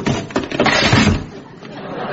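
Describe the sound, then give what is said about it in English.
An old wooden chair cracks and splinters as it collapses under someone's weight, a loud burst of snapping and clattering wood lasting a couple of seconds. “Don't worry, that was an old chair.”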